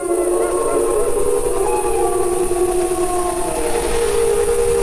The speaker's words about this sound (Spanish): Ahí se queja un ciervo, esa tos así como de alarma, y al fondo, pues es una manada. ¿Se oyen varios? Sí, claro, las manadas, los lobos. Bueno, ya hablaremos de eso más adelante, pero los lobos aullan entre ellos, ¿no?